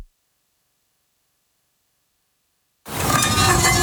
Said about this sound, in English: It's the sound of a rusty hills hoist